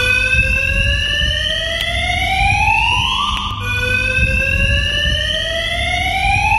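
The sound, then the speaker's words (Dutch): A loud, continuous parking garage fire alarm, going off falsely at night, wails with a steadily rising, sweeping electronic tone, briefly dipping and restarting its climb midway, over a low rumbling background with no voices. “ergeren zich aan het brandalarm dat een paar nachten per week onterecht afgaat”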